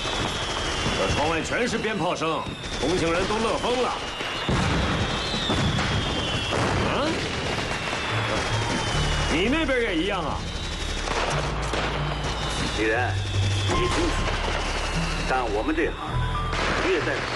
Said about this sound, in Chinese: 一群少男少女都站在路边，紧捂着耳朵，眼盯着欢喜若狂的士兵们一路对天鸣枪。